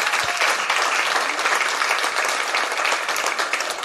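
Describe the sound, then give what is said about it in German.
Steady, dense applause from an audience, many hands clapping at once in a continuous crackling wash that holds at an even, fairly loud level throughout. “Applaus”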